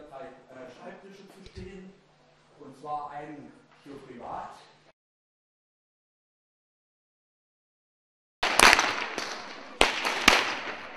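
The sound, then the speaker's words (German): A voice talks briefly, then after a pause several loud, sharp whip cracks ring out in quick succession from Pentecost folk dancers in Alsdorf in the Mansfelder Grund, on a weekend at under 10 degrees, over a noisy outdoor bustle. “Überall im Mansfelder Grund knallten am Wochenende wieder die Pfingsttänzer mit ihren Peitschen.”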